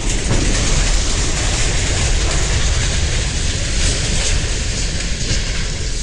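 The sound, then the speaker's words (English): A freight train derailing at the Horseshoe Curve in Altoona, with 12 cars going off the track, heard as a loud, unbroken rumbling roar with a harsh, hissing metallic grind layered on top, steady throughout with no voices. “The moment of the derailment was captured on a virtual railfan livestream.”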